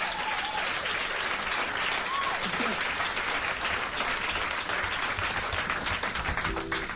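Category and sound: crowd, audience clapping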